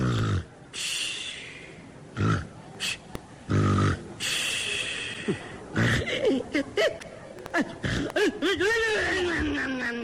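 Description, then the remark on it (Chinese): A person imitates loud snoring: harsh, raspy snorts in uneven bursts, then a series of rising and falling high whistles as the snores take on a whistling tone. “同志们，由于我的呼噜声音太大了，所以我们家不用养猫就没有耗子 啊。”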